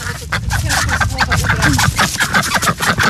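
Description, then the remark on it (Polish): Ducks at a small pond quack repeatedly in short, raspy bursts, fairly loud, with a few chicken-like clucks mixed in over a busy outdoor background; a duck searches the bottom of the pond. “Ptaszysko widać tylko kuper tej kaczki i coś sprawdza na dnie, co jest tam na dnie tego małego stawu.”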